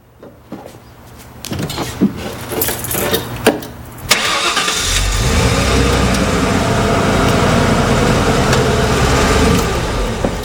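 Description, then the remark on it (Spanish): A few clicks and clunks lead into a pickup truck engine cranking and catching, then settling into a loud, steady rumbling idle that runs to the end with no voices. “Y arrancando.”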